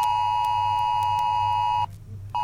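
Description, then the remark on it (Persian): A loud, steady electronic emergency alert tone from a new mobile phone alert system (SA Alert) blares continuously, then cuts out briefly for about half a second before starting again, with a low hum underneath and no voices. “این سامانه هشدار جدید تلفن همراه است.”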